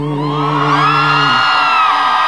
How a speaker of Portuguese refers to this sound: Uma salva de palmas